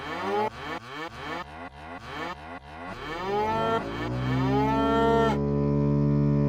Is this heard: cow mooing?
yes